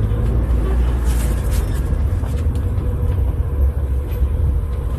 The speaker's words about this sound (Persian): این صفحه پمپ بنزین سید رضیه، از اون انتها شروع میشه میاد دور میدون و اینجا حدود 3 لاینه، میره از اون پشت دوباره برمیگرده به این سمت. اینا همه ماشینایی هستند که تو صفن.